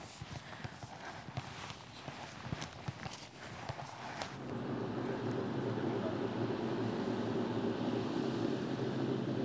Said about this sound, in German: Trecker. Vielleicht nimmt er uns mit. Das ist vielleicht die falsche Seite. Hält er an? Wir gucken noch nicht mal. Schade. Oder der hat einen langen Bremsweg, ich weiß nicht. Nee, er hält nicht an.